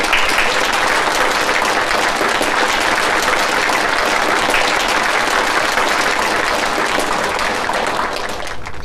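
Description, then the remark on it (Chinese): Warm, sustained applause from an audience at a university Chinese department lecture, welcoming the speaker: a dense wash of many hands clapping at a steady, loud level for about nine seconds, with no one speaking over it. “下面呢，我们用热烈的掌声请出尊敬的沈昌钰先生。”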